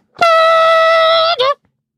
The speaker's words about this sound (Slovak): Keď sa nadýchol a posunul tú dlhú vysúvaciu trúbku, jeho zvuk vedel zaplniť celú sálu.